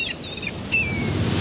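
Seagulls cry out in a few high, sliding calls over a steady wash of surf, with the rumble of waves growing slightly louder toward the end.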